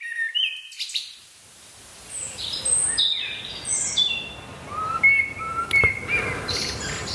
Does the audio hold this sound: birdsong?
yes